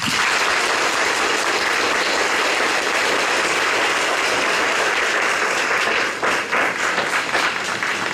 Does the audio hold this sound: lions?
no